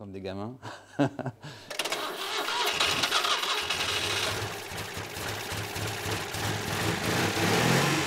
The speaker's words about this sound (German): Weil noch nicht alles verkabelt ist, müssen dieses Mal externe Batterie und Ölzulauf den Motor in Gang bringen.